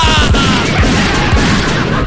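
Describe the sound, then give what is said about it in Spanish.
A loud burst of gunfire sound effect of a big pistol being fired: several heavy bangs in quick succession over a dense, roaring wash of noise, harsh, with no talking. “¿Por qué no me hacía un favor, viejo, al pistolón chico? Pégale unos balazos por tonta ese también, ¿ya?”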